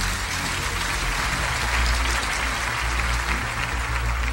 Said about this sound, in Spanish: Ahora dale un aplauso al Señor antes de sentarte.